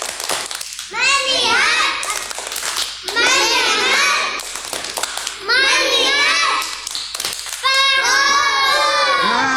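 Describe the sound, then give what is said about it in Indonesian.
A group of children chant the Indonesian 'tepuk fokus' (focus clap) together in rhythm, led by a teacher as part of a guessing game, clapping their hands in steady patterns, the chant coming in four bursts with short pauses between them, loud. “Selanjutnya kita bermain tebak-tebakan. Tepuk fokus.”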